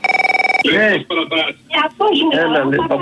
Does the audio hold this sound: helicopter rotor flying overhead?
no